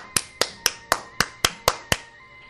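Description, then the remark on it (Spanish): Eight sharp hand claps in a steady, even rhythm, roughly four per second, each a crisp bright smack that decays quickly, with no talking over them. “¿Qué quieren que les aplauda por lo que han dicho o qué?”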